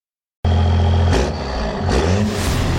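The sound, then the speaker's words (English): A heavy diesel truck engine starts up abruptly and revs loudly, with a deep, rumbling idle punctuated by two surging throttle bursts. No one speaks. “The cold weather is hard on your diesel engine.”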